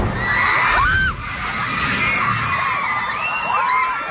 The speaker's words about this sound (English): A terrifying scene playing out at an elementary school in the Philippines Monday morning. Students screaming in fear as the ground shook beneath them during a powerful 7.8 magnitude earthquake